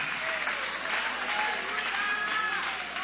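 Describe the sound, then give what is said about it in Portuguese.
An audience applauds steadily, dense overlapping claps forming a continuous, even roar for about three seconds, with a few faint voices or whistles rising above the clapping. “Levanta a mão e vai aplaudindo.”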